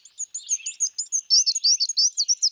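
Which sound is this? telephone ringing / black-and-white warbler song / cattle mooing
black-and-white warbler song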